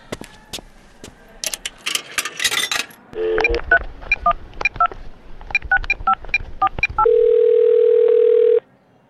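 Someone makes a telephone call before setting off: handling clicks and a short rustle, then a quick run of about ten electronic keypad dialing beeps in an uneven rhythm, followed by a steady, loud dial tone that holds for over a second before cutting off.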